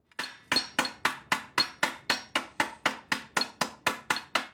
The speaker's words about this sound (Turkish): Gördüğünüz gibi burası kavisli olduğu için içeriden düzelteceğim. O yüzden iki yuvarlak uçlu çekiç kullanacağım.